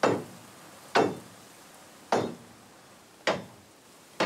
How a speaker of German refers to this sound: Denn die Schienen sind genagelt, nicht geschraubt. Die Nägel sind lose. Ich schlage sie wieder ein. Wenn die Nägel locker sind, bewegt sich die Schiene. Die Nägel sollen sie festhalten auf der Schwelle.